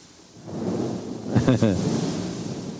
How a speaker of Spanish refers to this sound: ¿Se imagina usted ese trueno?